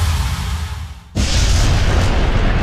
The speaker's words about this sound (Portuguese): Ouviu? Foi num instante e foi um estrondo.